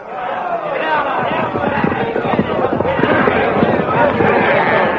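The Blue Magic Army charges to attack the barricaded Hawkmen: a loud, continuous roar of many voices shouting at once over a rumble of running feet and clattering hooves, chaotic and sustained without a break.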